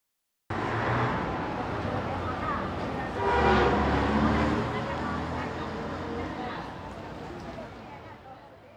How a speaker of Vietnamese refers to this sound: Đây là từ bù bù, là tiếng còi và những âm thanh tương tự.